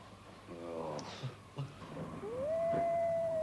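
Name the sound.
wolves howling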